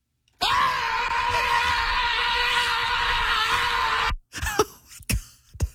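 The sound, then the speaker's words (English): A person lets out one long, loud, sustained scream lasting nearly four seconds, then stops abruptly and takes a few heavy gasping breaths. “It's called the Scream Club.”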